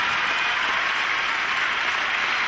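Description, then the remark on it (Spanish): Steady, dense applause from an audience for dancers from Córdoba, a continuous wash of many hands clapping with no pauses and no voices audible over it. “Un aplauso grande a mis bailarines de Córdoba.”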